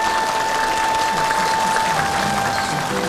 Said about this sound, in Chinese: 政委，你的父亲是个英雄，今天的掌声都是属于他的。